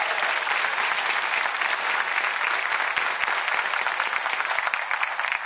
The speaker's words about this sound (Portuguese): Vamos aplaudir aqui o nosso autor.